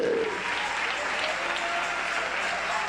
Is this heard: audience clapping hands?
yes